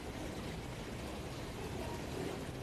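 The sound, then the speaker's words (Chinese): A steady, continuous stream of purified drinking water pours from a water purifier into a cup, a soft even splashing hiss that holds unchanged for a couple of seconds, with no voices over it. “现场给他来接上一杯。”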